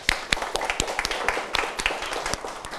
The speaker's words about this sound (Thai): ปรบมือให้เพื่อนด้วยนะครับ